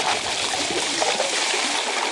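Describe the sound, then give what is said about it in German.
Crushed ice pours into cold water in a mobile ice-water tub used to cool heatstroke patients, with a steady rushing and trickling sound, dense and continuous for a couple of seconds with small gurgles and splashes throughout. “Gecrashtes Eis in kaltes Wasser.”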